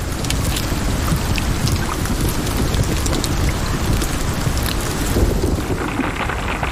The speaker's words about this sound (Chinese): 它需要担心的是从空中砸落到地面的冰雹。有时暴风雨会裹挟着冰雹倾泻而下，大颗粒的冰雹甚至能以每小时200多公里的速度砸向地面。